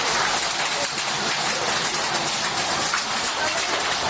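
Dense, steady clatter of hail pelting a hard surface during a storm in Beniardà, in the Valle de Guadalest, loud and continuous throughout with no pauses and no voices.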